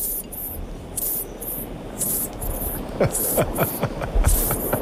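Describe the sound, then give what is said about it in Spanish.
A lawn sprinkler sprays water in rhythmic, hissing bursts that repeat roughly twice a second over a steady low rumble, the spurts growing a little louder toward the end. “Esto parece un aspersor, ¿no? De césped, de estos.”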